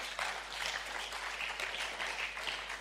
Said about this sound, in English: Oh, I thought the woman would be clapping for me. I'm not feeling the claps at all.